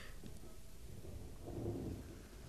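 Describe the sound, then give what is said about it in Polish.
A low, distant rumble of thunder rolls through steady rain as a storm begins, swelling in the middle before easing off, with no voices present. “Właśnie zaczyna się burza.”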